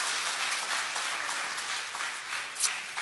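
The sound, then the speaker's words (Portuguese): An audience at a church service applauds steadily, clapping joyfully in praise of Jesus, a dense wash of many hands clapping at once, sustained and fairly loud throughout with no voices standing out. “Tomai assento em nome de Jesus e pode aplaudir a Jesus com as palmas bem alegre, que glorifica e exalta o seu nome.”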